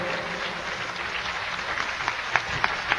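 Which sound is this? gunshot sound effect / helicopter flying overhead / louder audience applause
louder audience applause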